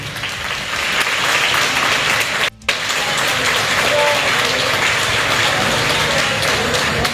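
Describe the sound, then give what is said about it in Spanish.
Loud, sustained applause from a large crowd, dense and steady throughout, with a brief near-silent break partway through before the clapping resumes at full strength, given in tribute to mothers who have passed away. “Fuertes los aplausos para ellas, por favor.”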